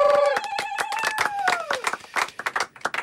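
A small studio audience applauds with rapid claps for about three seconds at the end of the Pétrole Pop broadcast, while a falling whistle-like whoop rises over the first half before the clapping carries on alone.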